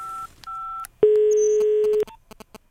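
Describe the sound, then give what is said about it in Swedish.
Two short keypad dialing beeps, then a steady, fairly loud phone tone holding for about a second, followed by faint line clicks as the call connects. No voices. A radio host is phoning a six-year-old listener in Gothenburg for help. “Du, jag ringer ju dig för att jag behöver ju hjälp.”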